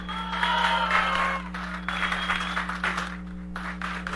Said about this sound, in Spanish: Venga el aplauso de tus compañeras y compañeros y tus amigos. ¡Felicidades!